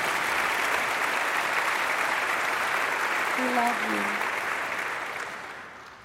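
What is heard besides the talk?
audience clapping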